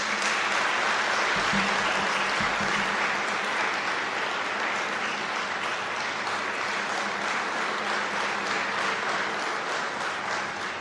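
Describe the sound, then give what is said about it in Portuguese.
A large audience applauds steadily for about eleven seconds for volunteer disaster-response workers in yellow vests, a dense, even wash of many hands clapping at a fairly loud level, with no voices breaking through. “as nossas heroínas e os nossos heróis que estão aí de coletes amarelos, a quem peço uma grande salva de palmas.”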